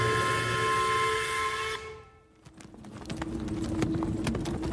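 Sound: horse-drawn carriage hooves clip-clopping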